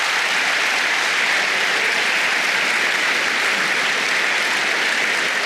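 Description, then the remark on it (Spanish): A church audience claps for the Lord in a dense, steady wash of applause that stays loud and even for several seconds, with no voices standing out above it. “Dele palmas al Señor entonces.”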